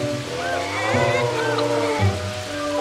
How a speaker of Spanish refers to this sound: Siguió lloviendo. Cada vez con más fuerza.